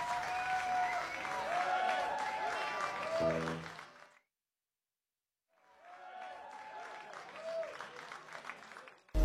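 Steady audience applause with scattered cheering voices, breaking off into about a second of silence before a second, slightly softer round of clapping resumes.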